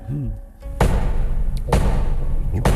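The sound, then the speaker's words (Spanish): Three heavy, loud thuds of soldiers pounding on a door and demanding it be opened in the name of the law, evenly spaced about a second apart, with a brief voice just before the first blow. “Abran la puerta en nombre de la ley.”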